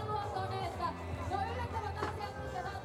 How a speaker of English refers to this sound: Here's the kicker. Yeah! Bit of support from the crowd.